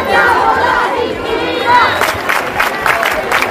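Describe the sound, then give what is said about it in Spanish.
A large crowd of protesters at housing protests in Seville, Córdoba and Málaga, Spain, shouts and chants together in a dense, loud roar, with rising bursts of voices and some higher cries over a steady rumble of many people. “Y protestas también en Sevilla, en Córdoba, en Málaga.”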